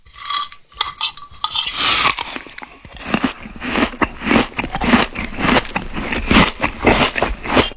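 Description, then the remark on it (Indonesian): A father eats a meal cooked by his child: steady, rhythmic bites and crunchy chewing with occasional light clinks of cutlery, moderately loud and continuous, with no one talking. “Ini, makan dulu ayah.”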